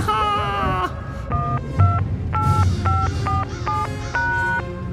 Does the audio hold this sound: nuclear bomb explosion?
no